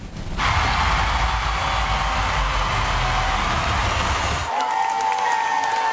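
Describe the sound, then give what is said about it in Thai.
Loud, dense applause from a large crowd roars continuously through a big hall at America's Got Talent after Mel B pressed the Golden Buzzer and gold ribbons fell. Near the end it thins slightly as a few high, sustained tones emerge. “ก็ท่ามกลางเขาบอกว่าเสียงปรบมือดังกึกก้องกันทั่วทั้งหอทีเดียวไปชมภาพบรรยากาศกันครับ”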